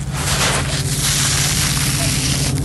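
Outdoors on the sandy beach of a bathing lake, a steady, grainy rush of trickling sand, dense crackling granules pouring continuously, as if a shovel is being pushed into it and lifted out, with a faint low hum underneath.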